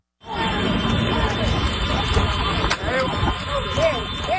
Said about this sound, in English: At first, it could be a snapshot of small-town Sicily, hooves on tarmac, scooters beeping, and people shouting from the roadside. But then come the gunshots. An illegal horse race happening in plain sight.